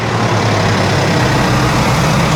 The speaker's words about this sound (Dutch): We gaan even luisteren naar de motor. Eens even kijken hoe rustig u er hier vandoor gaat.